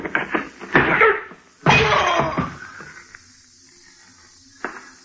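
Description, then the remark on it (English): Glass smashes loudly in a heavy crash with a thudding blow as a woman hits a man, followed by a second burst of shattering, scattered settling debris, and one faint clink near the end. “Well, I left her picking up pieces of glass, and I drove back toward Hollywood.”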